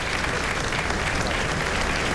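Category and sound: crowd, thunderous applause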